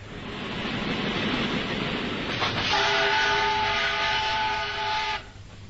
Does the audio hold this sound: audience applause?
no